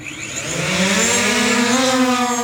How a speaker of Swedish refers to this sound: Från att beställningen kan landa i trädgården inom en timme i ett 10-tal områden så ska drönare enligt planen leverera till 500 amerikanska städer senare i år. Take off!